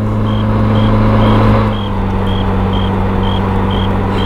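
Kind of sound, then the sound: vehicle, car approaching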